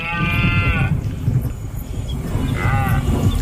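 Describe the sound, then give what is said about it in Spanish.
A red deer's rutting bellow, one of the sounds in the Diputación de Toledo's immersive experience Con el oído del búho: two loud, drawn-out groaning roars, the first long and strained, the second shorter, over a steady rumbling outdoor background. “El sonido de la berrea del ciervo, la llamada del lince ibérico o el crotoreo de la cigüeña blanca son algunos de los sonidos que podrán escuchar quienes participen en Con el oído del búho, una experiencia inmersiva”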